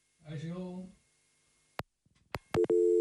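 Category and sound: signal or alarm, telephone busy signal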